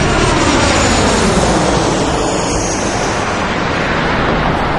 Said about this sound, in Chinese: 飞机降落在贡嘎机场了。